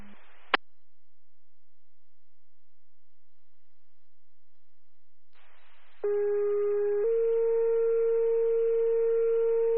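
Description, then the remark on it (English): A brief click, several seconds of silence, then the emergency siren of Arkville 1, set off by Delaware 911 dispatch at their request, starts up: a loud, steady, harmonic tone that climbs slightly in pitch and keeps sounding to the end. “Could you set our siren off, please?”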